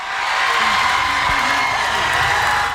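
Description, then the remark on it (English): A crowd of students at an NBA draft watch party hosted by the Davis School in Brockton cheers and shouts at once as a 19-year-old's name is called, a dense, loud, unbroken roar of excited voices that holds steady from start to finish. “Students were cheering on the 19-year-old as his name was called.”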